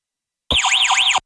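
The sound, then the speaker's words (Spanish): A loud electronic Verisure home security alarm siren, set off on detecting an intruder, wails with rapid rising and falling sweeps, blaring steadily for under a second, cutting out briefly, then starting again. No voices are heard. “Y así suena tu alarma Verisure cuando detecta un intruso.”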